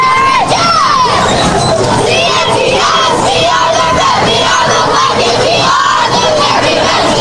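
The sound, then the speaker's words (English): The Wildcat cheerleaders cheer and yell together in a sustained, loud chant at a football game between Wilcox and Morenci, with rising and falling shouts layered over a dense crowd roar throughout. “I'm going to say the Wildcat cheerleaders are putting in a great cheer.”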